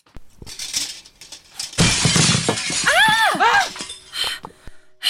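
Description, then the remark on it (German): After a few soft knocks, a window suddenly shatters in a loud, bright crash of breaking glass as a stone is thrown through it, then a rising and falling vocal cry rings out as the debris settles into faint clinks. “Ich konnte nichts erkennen, aber jemand hat einen Stein durchs Fenster geworfen.”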